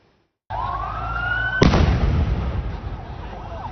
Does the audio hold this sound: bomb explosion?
yes